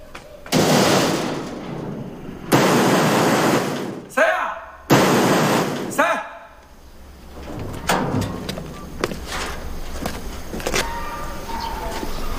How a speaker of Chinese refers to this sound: 你有病啊，大清早起来砸我家门。